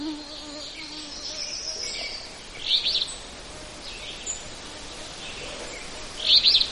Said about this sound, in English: And they like, well, alder. They're called alder flycatchers, and they certainly do. They like wetlands. They like where there's brushy, aldery patches.